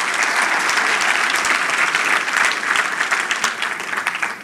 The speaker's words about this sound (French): Je pense que ça mérite un même applaudissement.